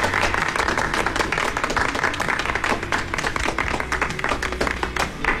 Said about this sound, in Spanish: Así que muchas felicidades a todas las enfermeras y enfermeros del Paraguay. Un aplauso, por favor, ¿eh?